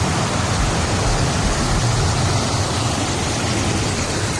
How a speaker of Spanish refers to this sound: Es el sonido de la lluvia, esperado, porque hemos hablado de sequía, pero claro, es que se han convertido las calles, por ejemplo, de Sant Joan les Fonts, en Girona, en ríos de agua y hielo.